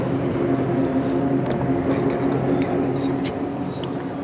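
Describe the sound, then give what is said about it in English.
A Doug Wright 360 racing boat's engine roars loudly and steadily, a dense, throaty drone filling the whole stretch, with muffled voices faintly audible beneath it. “Yeah, this is a right now boat.”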